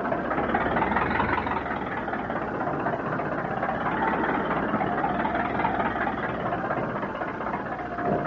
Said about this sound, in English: Oh, boy. Those engines sound like the stern's coming clean out of the water.